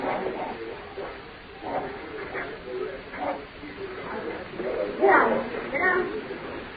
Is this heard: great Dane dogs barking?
yes